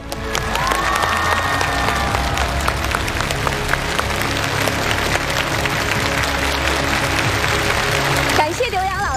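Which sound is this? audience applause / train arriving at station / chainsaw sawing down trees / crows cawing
audience applause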